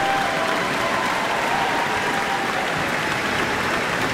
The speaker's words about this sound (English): And you can hear some more cheers. They want to see violinist Chloe Chua again.